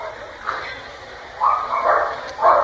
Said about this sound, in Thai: นั่นใครไปยุ่งหมาเราน่ะหมาเรามีวินัยนะใครไปยุ่งไม่ได้นะเห่า